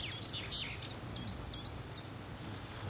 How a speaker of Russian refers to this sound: Нет, это от реки шум.